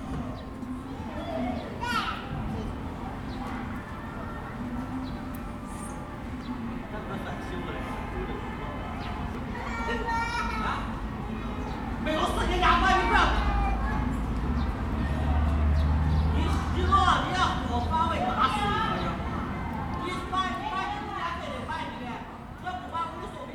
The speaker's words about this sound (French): Je ne sais pas si vous avez entendu, mais la réverbération n'est pas du tout la même. On est sur une place publique, mais l'effet sonore n'est pas le même.